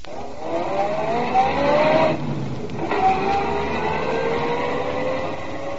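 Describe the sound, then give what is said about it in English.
A car engine drives steadily downtown under a constant rush of road noise, its pitch climbing as it accelerates, dropping briefly as if shifting gear, then rising again. No one speaks. “I drove downtown to a fancy dress shop.”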